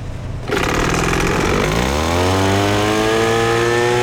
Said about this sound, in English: With the gas leaf blower, the balls rise to about 4.5 feet.